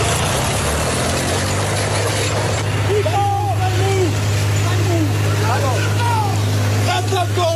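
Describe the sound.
A 60-year-old farmer's tractor engine idles steadily in Gliwice, Poland, with a deep, constant rumble throughout, recorded during an incident damaging city road property, while voices talk over it partway through.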